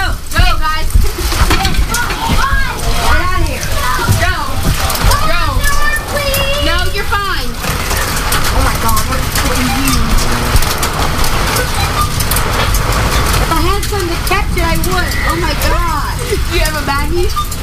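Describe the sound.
A loud, steady hailstorm of dime-sized hail pelts down with constant splashing water, a dense roar lasting throughout while several people talk excitedly over it.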